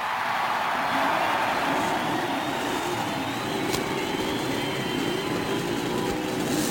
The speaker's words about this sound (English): As a cheer goes up and you can hear the cackle of the Cosworth racing engine. Several Buicks sound out their roar, and that Chevrolet, that brand new Chevrolet racing engine, roars